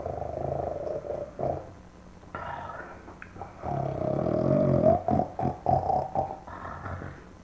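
A person snoring loudly with a rough, rattling, throaty sound, a few uneven breaths in a row, some drawn out and others short and choppy, with no talking.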